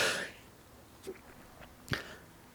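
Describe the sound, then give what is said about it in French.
A single quick sneeze from a person in the middle of an announcement bursts out right at the start and fades fast, followed by quiet with a couple of faint little clicks or sniffs. “Oh, excusez-moi, j'éternue au milieu de mon annonce.”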